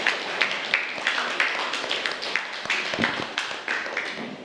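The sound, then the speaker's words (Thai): A group of students clap together for their classmates of group 5 after a presentation in a Thai-language lesson, a dense patter of many overlapping hand claps with a few sharper individual claps standing out, sustained steadily for several seconds. “ปรบมือให้เพื่อนกลุ่มที่5หน่อยค่ะ”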